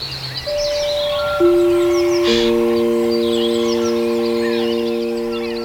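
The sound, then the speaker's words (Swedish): Birdsong twitters and chirps steadily in the background while sustained, layered electronic tones enter one after another and hold a low chord. There is no talking. “Det är lite svårt att förstå nu, men det finns faktiskt en värld utanför fågelsången också.”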